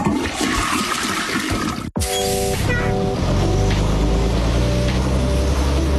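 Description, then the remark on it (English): A toilet flushes with a loud rushing swirl of water, briefly cut by a sharp break, then settles into a steady gurgling drain with a low hum underneath. “This could have all been prevented if people didn't flush baby wipes down the pipes.”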